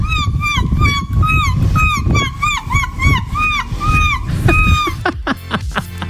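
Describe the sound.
A woman's voice imitates seagull calls with a loud, rapid run of shrill, wavering squawks repeated over and over. The calls are continuous, with low rumbling noise underneath.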